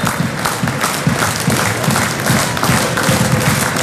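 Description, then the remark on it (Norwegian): A football stadium crowd roars steadily during Haugesund's match against Sandnes in Norway, a loud dense wash of cheering and clapping with rhythmic thumping pulses underneath, as if fans are chanting and stamping in unison. “Har Ranheim utlignet i Ulsteinvik, sånn at det står 1-1 i den kampen nå, og publikum, ja, hør på publikum. Dette forteller vel det meste om ståa.”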